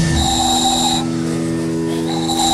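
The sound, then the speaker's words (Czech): A small handmade ball-shaped whistle is blown twice at an outdoor town festival in fine weather, giving a steady, breathy high tone that stops for about a second and then sounds again, fairly loud, with no talking. “Vyrábil jsem tady takový kuličky, do toho se fouká a se toho robí taková píšťalka.”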